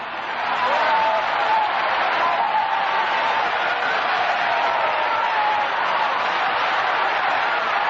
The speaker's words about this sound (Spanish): aplaude a Dios, esta noche, apláudelo. Que con tus palmadas salen los demonios, porque tu palmada está ungida por el Espíritu Santo.